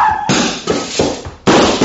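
sound effect, gunshot

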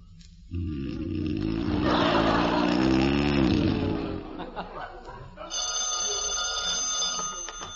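household object, telephone bell ringing

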